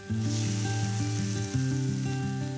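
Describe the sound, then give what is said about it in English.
Lamb sizzles steadily in a hot frying pan with a little oil, turning golden, a constant crackling hiss that runs throughout, with sustained musical notes playing over it and no one talking. “So they're starting to get really, really nice, and we want that golden sizzle happening.”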